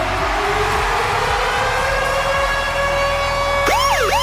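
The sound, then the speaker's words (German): A loud siren-style alarm jingle, the Virgin Radio Ticket Alarm on the Virgin Radio Morning Glory show between 6 and 9: a steady high tone with harmonics rises slowly, then sharp wailing sweeps swoop up and down near the end, with no talking. “Immer dann, wenn unser Virgin Radio Ticket Alarm bei uns bei der Virgin Radio Morning Glory zwischen 6 und 9 abgeht.”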